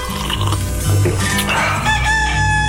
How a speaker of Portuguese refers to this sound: Olha ele aí, o galinho cantando no nosso de casa, na nossa manhã Continental, para acordar você, para lembrar você que já tá quase na hora de levantar.